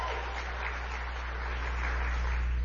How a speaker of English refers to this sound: I want to thank your state chair, the one and only Danielle Monroe Moreno. Give her a great big round of applause.